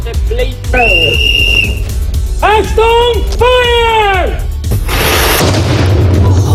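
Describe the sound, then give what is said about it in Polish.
Sustained tonal calls and voices lead into a single loud, sharp blast from a real cannon that had just been loaded, fired during an outing in Lower Silesia, Poland, followed by a low lingering rumble. “ale za chwilę wystrzał z armaty, z prawdziwej armaty, którą właśnie załadowaliśmy.”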